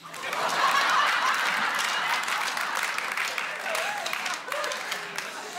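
A crowd claps steadily for several seconds, a dense, even patter of many hands that stays fairly loud throughout, with a little scattered laughter and murmuring mixed in.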